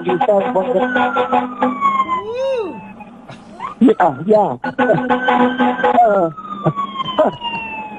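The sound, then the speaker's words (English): An Albion Little River Volunteer Fire Department engine siren wails steadily as it passes, with rising and falling pitch sweeps and bright layered tones. It stays loud for the whole stretch, with a few quicker warbling bursts mixed in. “I don't know why, but that noise we hear is Albion Little River.”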